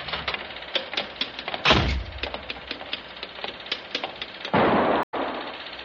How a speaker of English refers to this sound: Hey, that was a gun. Who's there? Did you hear a gunshot?